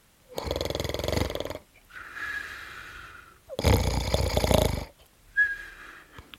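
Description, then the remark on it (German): A wolf snores in its sleep, lying outside on a green meadow under a tree: two loud, rasping inhales, each followed by a softer, airy exhale with a thin whistling tone. No one speaks. “Als der Wolf satt war, trollte er sich fort, legte sich draußen auf der grünen Wiese unter einen Baum und fing an zu schlafen.”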